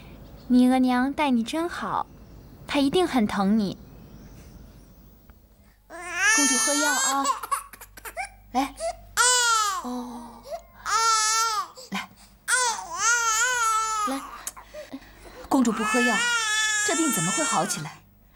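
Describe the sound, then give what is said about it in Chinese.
A small, sick infant princess who will not take her medicine cries in short, thin, wavering bursts separated by brief pauses, the fretful wails soft and weak rather than full-throated. “来，哦，来，公主不喝药，这病怎么会好起来？你看，连哭声都这么低。”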